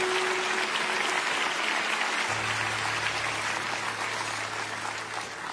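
A crowd claps steadily throughout, a dense, continuous wash of applause from many hands, with a low hum joining underneath partway through.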